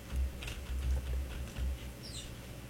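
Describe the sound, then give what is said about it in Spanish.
Soft, irregular clicks of keys being tapped on a computer keyboard as someone searches for a song, a few scattered presses over a low background hum, quiet, with no one talking. “Es que los teclados estos.”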